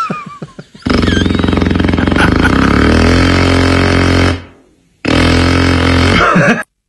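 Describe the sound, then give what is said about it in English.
A voice imitates neighbours' power drill at 7 a.m.: a loud, sustained buzzing whir held for about three and a half seconds, trailing off, then a second shorter burst after a brief pause. “Neighbors drilling at 7 a.m.”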